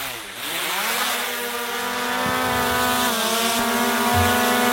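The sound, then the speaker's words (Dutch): A drone buzzing overhead on the island of Schiermonnikoog, a steady motor buzz with a rich, whiny tone that rises in pitch at the start, then holds an even drone with slight wavers, loud and continuous with no voices. “Ja, dit is een drone die we hoorden, hè?”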